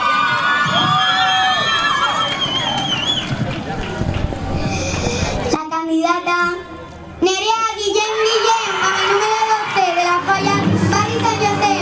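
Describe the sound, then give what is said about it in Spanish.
A crowd of members of the Falla Rubén Darío Fray Luis Colomar cheers and shouts excitedly, with many overlapping voices, including children's, rising and falling in a steady roar. Footsteps and a brief burst of tonal yelling mark the group running in. “Ya viene toda la falla corriendo hacia aquí otra vez.”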